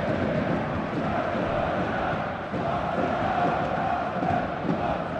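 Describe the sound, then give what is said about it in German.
A dense crowd of Alemannia football fans at the Tivoli stadium roars steadily during a 2-2 match against Jahn Regensburg, voices blending into a loud continuous wash of cheering and chanting with no pauses, the energy holding level throughout. “Weiterhin tolle Stimmung hier auf den Plätzen”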